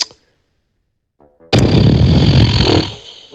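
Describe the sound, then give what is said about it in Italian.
A loud, sputtering raspberry blown with the lips lasts over a second, rough and buzzy, following a short silence and a few faint clicks. “Ma insomma, pernacchia o segno di disappunto?”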